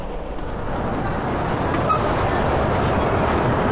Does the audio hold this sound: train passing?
yes